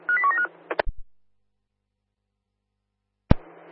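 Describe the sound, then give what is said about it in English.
A rapid burst of touch-tone dialing beeps as staff at a bus interchange phone platform 67, a few short two-tone notes, followed by sharp clicks, a long silence, then another click and a low hiss on the line. “67, can you give me a phone call, please, over? Calling now.”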